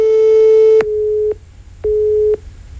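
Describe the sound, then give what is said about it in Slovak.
A telephone busy tone from a call rejected by a former Slovak member of parliament: a steady electronic hum broken into evenly spaced on-off beeps, clear and fairly loud on the line, with no voices present. “Ten naše opakované telefonáty rušil a na SMS správy neodpovedal.”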